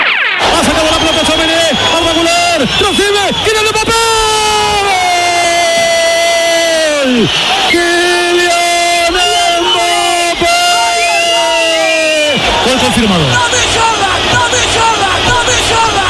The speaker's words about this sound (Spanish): Radio Nacional de España, tablero deportivo, el domingo, Oviedo Real Madrid, primer gol de Mbappé y un loco en la grada dando gritos al lado de la cabina de Antonio Muelas. Al final se lo tuvieron que llevar.